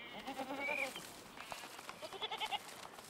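Goats bleat outdoors, drawn to lush greenery on the banks of small streams in a coastal landscape: a long, wavering cry first, then a shorter, higher bleat a moment later, against a soft ambient background with no one talking.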